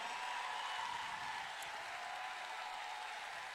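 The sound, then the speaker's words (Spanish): A crowd applauds steadily for several seconds, a dense, even wash of clapping with no voices over it, as people stand to applaud the couple representing the commune of Tomé at a championship. “Mira qué bonito cuando la gente aplaude, se pone de pie.”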